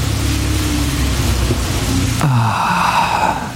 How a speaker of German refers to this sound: Regen. Endlich wieder Regen.